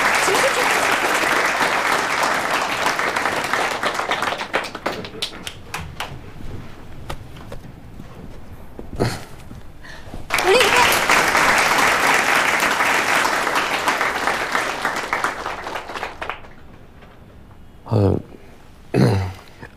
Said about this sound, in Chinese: 鼓掌